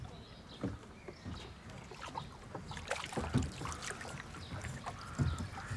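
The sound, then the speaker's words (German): A blue rowboat sculled with a single stern oar set in a notch, an old technique called Wriggen, the oar pushed through the water to drive the boat: water swishes and splashes at an irregular, unhurried rhythm over a steady wash of outdoor and water noise, with no talking. “Guck mal, dann geht das Paddel geht so durchs Wasser und dadurch entsteht halt so ein Vortrieb.”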